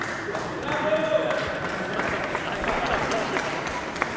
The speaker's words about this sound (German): Okay, erst kurz ein Applaus